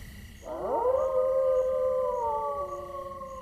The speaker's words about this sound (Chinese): 你们看，那是什么？ 那是什么？ 那是狼，狼群！